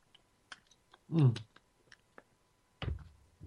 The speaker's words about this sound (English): Oh, I got to get a slurp here, folks. Hold on.